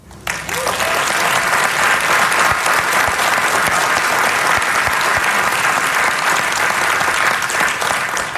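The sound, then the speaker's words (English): A crowd breaks into loud, sustained applause after a budget is announced with no general fund deficit through 2030. The applause starts abruptly and keeps up steadily for several seconds, a dense wash of clapping with no speech over it. “Fiscal responsibility and applause.”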